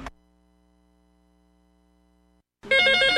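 A low, steady hum drones quietly, then after a brief silence a loud, bright electronic telephone ring bursts in abruptly and fills the end. No one speaks.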